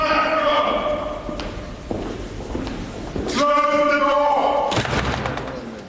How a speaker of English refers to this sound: Well, the whole curious process kicks off with a 350-year-old tradition in which the King's messenger, known as Black Rod, has the door of Parliament slammed in his face and has to knock to be let in.